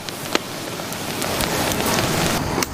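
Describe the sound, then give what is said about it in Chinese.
Coarse salt crackles and pops steadily as it is heated while cooking salt-baked chicken, the salt losing moisture so its surface cracks: a dense hiss of tiny snaps with a few sharper bursts standing out, fairly loud, with no voices. “加热使得粗盐继续丢失水分，表面破裂，发出噼噼啪啪的爆裂声。”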